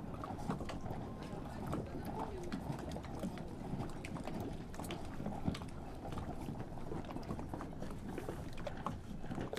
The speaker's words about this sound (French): Du vent, de l'eau salée.